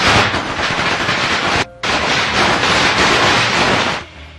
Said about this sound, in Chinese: 他给人家放那个鞭炮的声音，说这些抛啊虾哈，阿公爱抛啊虾